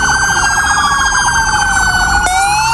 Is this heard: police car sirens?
yes